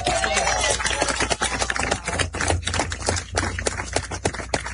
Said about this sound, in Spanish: Así que un fuerte aplauso para Blas.